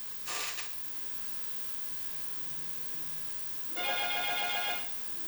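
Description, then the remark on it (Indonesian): A regular telephone rings twice before a call is answered, a brief burst near the start and a longer ring about three seconds later, over a steady low hum with no talking. “Kita angkat lagi dari telepon biasa.”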